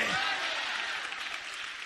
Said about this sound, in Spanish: Démosle un aplauso al Dios de gloria. Aleluya, y a su nombre.